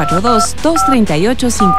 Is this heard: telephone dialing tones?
yes